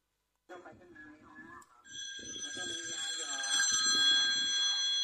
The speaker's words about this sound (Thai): อยู่ไหนเนี่ยมีโทรศัพท์เข้ามา